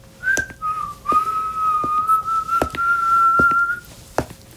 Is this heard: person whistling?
yes